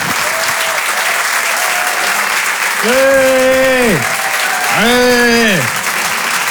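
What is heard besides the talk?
audience applause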